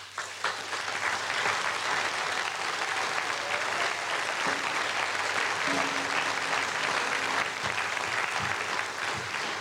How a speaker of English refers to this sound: And a round of applause for the groovy DJ.